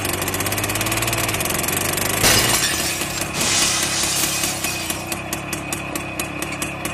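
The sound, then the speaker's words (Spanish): The heavy diesel engine of a driverless tractor idles and revs steadily, then a loud crash of shattering glass bursts out as it smashes into a shoe store, followed by tinkling debris and crunching as the motor keeps churning. “Vea cómo la máquina se aferra a irrumpir en la tienda y rompe el vidrio como si fuera una galleta de sal.”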